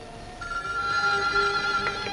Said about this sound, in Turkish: Şu telefonlar da insanın rahatını bozacak zamanı iyi seçerler.